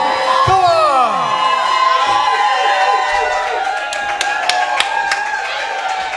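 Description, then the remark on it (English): A lively crowd cheers and whoops loudly for a performer who has just played music for about 2.5 hours straight, with rising shouts early on, while scattered clapping builds into a steady burst of applause throughout. “Come on, guys, give it up”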